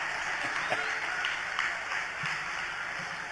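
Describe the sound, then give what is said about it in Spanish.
A crowd applauds steadily for a few seconds, a dense, even wash of clapping with a few sharper individual claps standing out, no voices over it. “Aplaudan, yo espero, ¿eh?”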